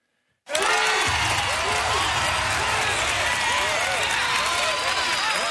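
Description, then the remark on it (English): A loud weekend TV studio crowd erupts into sustained cheering and applause as a guest named Australian Geographic Society's 2026 Adventurer of the Year joins, with whoops and shouts layered over dense clapping that starts abruptly and holds steady throughout. “It's our huge crowd that joins us in the studio every weekend”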